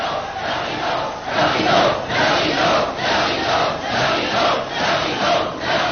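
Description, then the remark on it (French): A large theatre audience clamors and shouts together in loud, surging waves, the roar swelling and dipping in a steady rhythm of overlapping voices with no single speaker standing out. “Écoutez-les, mon public. Mon cher public.”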